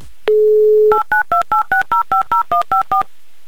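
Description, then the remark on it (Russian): A brief steady dial tone, then eleven quick touch-tone beeps in an even, rapid rhythm as a phone number is keyed in, loud with no talking. “Номер телефона набран. Ждем соединения.”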